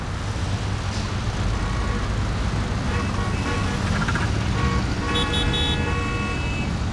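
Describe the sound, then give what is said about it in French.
A car engine roars steadily amid loud, continuous street traffic, with a deep rumble throughout and brief horn-like tones sounding toward the end. No one speaks. “Je te l'avais dit, je le reconnais, c'est son moteur qui rugit.”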